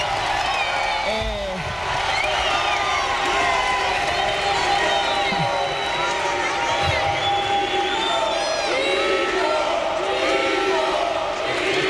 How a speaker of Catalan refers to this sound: La ovació, de la gent de la Fonteta.